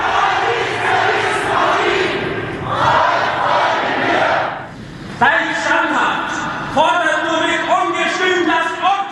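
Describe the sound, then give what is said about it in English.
A large crowd gathering before Pilate, as Jesus is brought to him in the Bible account, murmurs and shouts in a dense, continuous roar, with louder bursts of massed voices swelling in waves and overlapping calls rising near the end. “According to the Bible, Jesus was taken to Pilate, where a large crowd was beginning to gather.”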